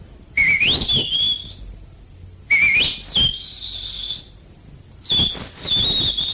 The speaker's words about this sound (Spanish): Pégale un chiflido. Usted puede silbar, pégale un chiflido. Espérese, pues.